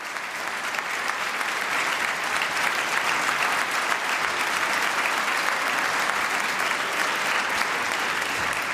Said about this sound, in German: Achtzig junge Menschen, sie spielen mit bedingungsloser Hingabe und das Publikum in der Stadthalle Kleve feiert das Landesjugendorchester und dankt, wie es kann, mit Applaus und Getrommel und Gejohle.